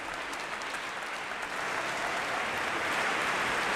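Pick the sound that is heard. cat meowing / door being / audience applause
audience applause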